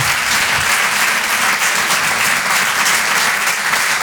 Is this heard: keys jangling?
no